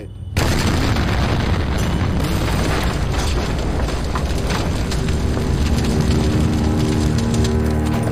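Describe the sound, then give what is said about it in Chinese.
A high-explosive artillery shell with a delay fuse explodes inside a house after penetrating its wall: a sudden heavy boom, then a loud, sustained roar of rumbling blasts and crackling debris for several seconds, with no voices. “我们炸毁了房屋，我们的高爆弹弹头上有个小小的螺丝，只要转动这个螺丝，弹头在命中目标之后就会延迟爆炸，所以炮弹在出膛之后会穿透墙壁，然后在室内爆炸。”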